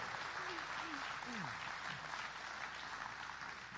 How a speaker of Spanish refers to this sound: ¿Cuánto le dan las palmas a él? Dele las palmas al que vive. Gloria a Dios.